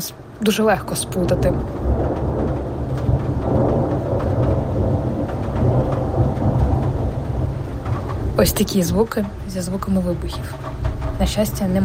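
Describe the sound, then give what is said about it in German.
A long, deep rumble of thunder rolls through steady rain during a May 1 thunderstorm in Kyiv, Ukraine, loud and sustained for several seconds, with a voice speaking briefly near the end. “Es blitzt, gleich donnert es.”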